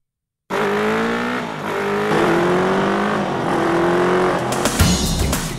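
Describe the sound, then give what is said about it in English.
A motorcycle engine revs loudly, its pitch climbing in several rising surges over a few seconds with a rough, roaring tone and no voices. “Kiwis, it seems, love their motorbikes.”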